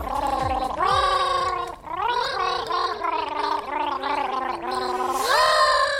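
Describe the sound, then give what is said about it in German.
A voice from Mausradio gargles a world-famous bee song for World Bee Day, its bubbly, rattling tone rising and falling through the tune in sustained phrases, ending on a higher held note. No words are spoken. “Ach so, habe ich gesagt, dass sie ihn gurgeln?”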